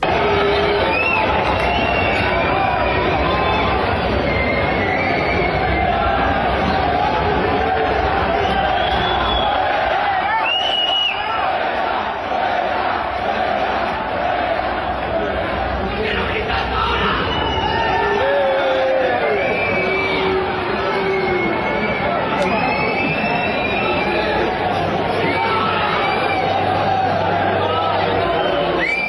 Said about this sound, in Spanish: le empezaron a cantar un montón de cosas a este tenista Marco, que hizo parar el partido